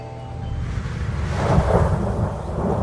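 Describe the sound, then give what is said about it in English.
Deep thunder rumbles steadily under a constant hiss of heavy rain as Hurricane David approaches, swelling louder midway through with no voices present. “Do you see the rain? Can you hear the thunder?”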